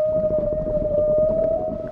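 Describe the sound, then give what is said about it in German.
A long, steady whale call holds one tone throughout, sung underwater over a low, rumbling wash of ocean noise. No one speaks. “Aber es gibt Tiere, die unter Wasser singen.”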